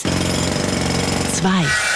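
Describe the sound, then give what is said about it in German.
A Kango hammer drills with a loud, rapid, steady rattling pulse for over a second, then abruptly stops, followed by a brief falling, tonal sound. “Also da der Hammer, der Kango-Hammer und die Eis.”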